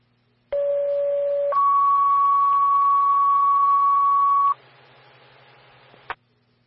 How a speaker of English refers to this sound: Tones for a lift assist. Call 2.